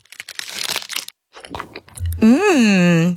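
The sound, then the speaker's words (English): A crisp bite and crackly crunching into an Aero peppermint bubbly chocolate bar, a short pause with more soft crunches, then a loud sustained hummed tone that swells upward and settles. “This is an Aero.”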